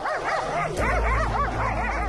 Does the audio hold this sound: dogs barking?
yes